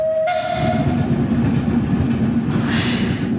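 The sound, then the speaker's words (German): A steam tram rumbles steadily along its rails with a dense, low clatter, and a brief high whistle tone sounds at the very start. No one speaks. “Die vom Dampftram sind glücklich.”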